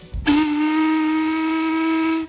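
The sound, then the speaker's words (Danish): A paddle steamer on the Gudenå river, the largest steamer in Silkeborg, Denmark, which has carried Queen Margrethe and King Frederik, sounds its steam whistle: one long, loud, steady blast with a strong tonal pitch and breathy hiss around it, sounding alone for about two seconds after a brief low rumble. “Noget, der befinder sig på Gudenåen og har blandt andet båret både dronning Margrethe og kong Frederik.”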